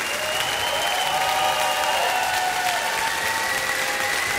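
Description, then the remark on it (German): Sustained, dense applause from a concert audience at the 70th-anniversary show 'ESC Hits in Concert', for the two soloists: a steady roar of many hands clapping at an even level throughout, with a few faint whistles or cheers riding above it. “Einen fantastischen Applaus an die beiden Solistinnen, Katja Friedenberg und Jonas Hein.”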